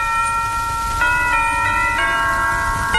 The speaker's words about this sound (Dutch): Ja, de kerkklokken die speelden ook, kom er eens kijken.